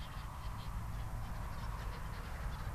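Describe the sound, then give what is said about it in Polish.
A flock of well over a hundred black-headed gulls calls continuously over a fish pond shortly before the fish harvest, their overlapping cries forming a steady, busy chorus over a low, rumbling outdoor background. “I mamy dobrze ponad setkę, i dobrze je teraz słychać, mew śmieszek.”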